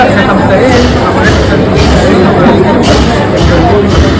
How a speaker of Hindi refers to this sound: अरे ये तो बहुत बड़ी शोभा यात्रा है, कितनी भीड़ है। हाँ बेटा, ये शोभा यात्रा पास के बौद्ध विहार जा रही है।